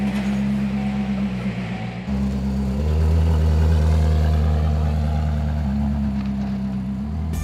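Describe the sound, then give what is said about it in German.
A Koenigsegg sports car's engine rumbles loudly and steadily for several seconds as it is driven, its deep tone dropping and rising as it shifts through gears, with no voices over it. “Einen Koenigsegg ist er noch nie gefahren.”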